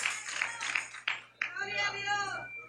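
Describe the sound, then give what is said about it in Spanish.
An audience claps in quick, dense bursts for about a second, applauding Jesus of Nazareth as King of Kings, then the clapping thins as voices rise and call out over it, with a faint steady hum underneath. “Dele ese aplauso al Rey de Reyes.”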